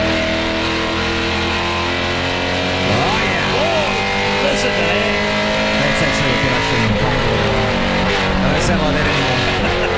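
A Supercar race car engine roars loudly and steadily for the full ten seconds, its deep layered drone rising and falling in pitch as the revs climb and dip.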